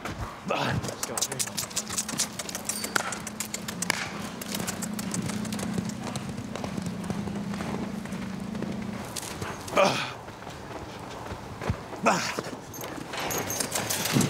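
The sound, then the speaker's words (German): Galloping horses pound along in a Blackfoot horse race of three laps, in which each jockey changes horses after every lap: a rapid, continuous drumming of hoofbeats over a steady low hum, with a couple of sharper bursts of noise near the end. “Die Blackfoot mussten schnelle Pferde reiten, um Bisons zu jagen oder um Mustangs einzufangen.”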